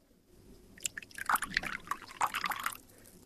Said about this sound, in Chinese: 快给客人倒水。